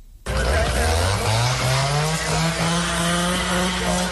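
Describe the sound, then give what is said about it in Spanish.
A chainsaw roars to life and runs loud and continuous, its engine pitch climbing steadily as it revs and bites into wood, during night-time ground operations against a wildfire at Burgohondo in the Alberche Valley, Ávila, with no voices present. “Por tercera madrugada consecutiva, el sonido de los motosierras y el crepitar del fuego han roto el silencio de la noche en el Valle del Alberche.”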